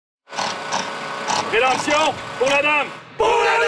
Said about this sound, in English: Some people cheer as repairs are carried out on the village that hosts popular Renaissance fairs throughout the year.